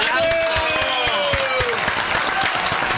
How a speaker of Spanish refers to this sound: ¡Aplausos!